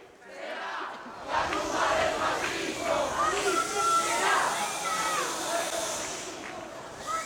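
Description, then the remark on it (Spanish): A large protest march crowd in central Madrid, heading from the Puerta del Sol toward Mari Carmen's home, shouts and chants together, a dense, steady roar of many voices that swells after the first second and stays loud throughout. “En este momento del telediario volvemos al centro de Madrid porque, como pueden comprobar en las imágenes, la marcha que salía de la Puerta del Sol sigue, continúa en dirección a la casa de Mari Carmen.”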